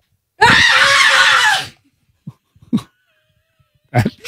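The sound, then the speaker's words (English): A person lets out a loud, strained reenactment of a visceral scream they once made, lasting about a second, followed by a few soft breaths and short vocal sounds. “You want an example of the scream or the story of the person?”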